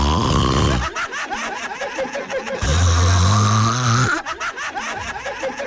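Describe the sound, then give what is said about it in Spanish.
A voice imitates a sleeping female partner snoring loudly, two drawn-out rasping snores with a short break between, followed by faint breathy laughter. “Ronque y ronque la belleza.”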